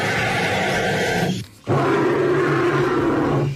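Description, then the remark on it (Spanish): A bird's call that sounds like a dinosaur roar: two loud, harsh, rasping bellows, the first about a second and a half long, then a brief break, then a steadier, deeper-toned second roar. “¡Los dos son pájaros!”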